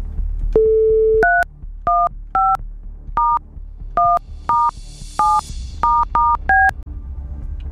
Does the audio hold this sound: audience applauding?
no